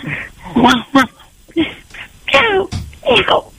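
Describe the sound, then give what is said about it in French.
A man imitates a dog barking with his voice, giving several short, loud woofs in an uneven sequence with brief pauses, some drawn out almost like whining calls. “Faut aboyer plus fort, monsieur. Fais waf, waf, waf.”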